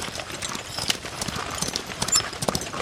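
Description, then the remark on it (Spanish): Horse hooves clip-clop in a quick, steady rhythm as a hurried traveler rides past, the sharp clattering strikes fairly loud and continuous with no voices. “Y su caballo se veía muy raro.”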